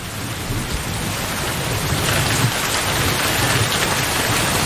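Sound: rain falling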